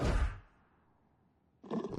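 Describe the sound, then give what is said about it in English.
A loud tiger roar from Miss Tiger bursts out and fades into a rumbling tail, then a second roar starts just before the end. No one speaks. “Hello, Miss Tiger.”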